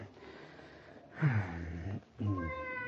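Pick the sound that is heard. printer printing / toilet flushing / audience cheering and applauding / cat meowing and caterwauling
cat meowing and caterwauling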